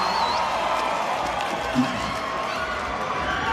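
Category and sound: crowd, concert audience cheering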